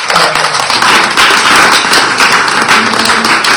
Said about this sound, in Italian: quindi presentare i giornalisti di così chiara fama, come si può dire, ma sono soprattutto degli amici, a cominciare da Paola Severini, che vi chiedo di accogliere con un applauso.